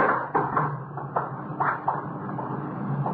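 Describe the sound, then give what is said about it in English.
The front door of a closet being opened, with a series of irregular wooden knocks and thumps over a low steady hum, moderately loud and with no voices. “We've got the front door to the closet.”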